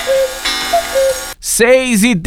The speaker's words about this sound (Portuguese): Olha o cuco da vovó aí, ó.